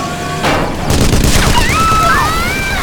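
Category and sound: sound effect, gunfire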